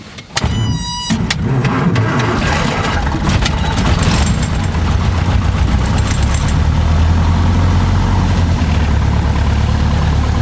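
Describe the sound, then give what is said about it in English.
A light propeller aircraft engine cranks with a brief whining starter, then catches and settles into a loud, steady, low idling drone, continuing throughout with no voices. “We're going to idle the engine and then we're going to discuss photography, art and death.”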